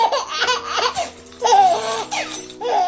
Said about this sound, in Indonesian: Dengarlah suara bayi Papua, suara bayi Kalimantan,